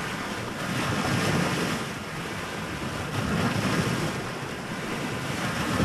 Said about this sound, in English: Lake Erie meets the pier in Avon Lake.